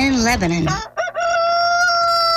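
A rooster crows once, loud, with a harsh rising opening that breaks briefly before stretching into a long, steady, drawn-out final note.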